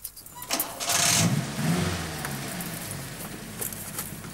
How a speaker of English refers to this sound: Now try it with the engine. Start the engine. And try to put it in first gear.